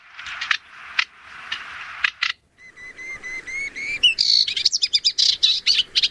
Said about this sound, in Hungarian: Na szóval ő a fülemüle sitke.